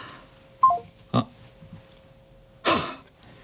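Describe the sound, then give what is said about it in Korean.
A phone call cuts off abruptly: a short descending electronic beep, a couple of sharp clunks, and a faint steady line tone humming underneath, with no voices. “전화 뚝 끊는 거 봐라 이거.”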